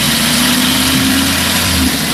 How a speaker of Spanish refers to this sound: Está pisando. Sí, fuerte, ¿eh? No estoy pisando precisamente yo, pero sí, es un coche. Es un coche, pero esto no es un coche eléctrico, seguro. No es precisamente silencioso, ni es un coche de los de ahora, ni de hace 10 años, ni de 20.